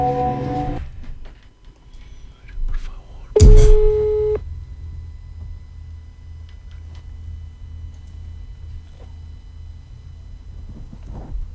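A phone line rings out over the receiver: a brief tonal beep, then one loud, steady ringback tone lasting about a second, followed by quiet line hum with no one picking up.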